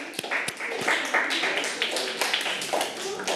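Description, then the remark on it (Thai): A classroom of people clapping their hands together for the representatives of every group, in a steady, dense burst of applause lasting a few seconds, with some voices murmuring underneath. “ปรบมือให้กับตัวแทนทุกๆกลุ่มเลยนะคะ”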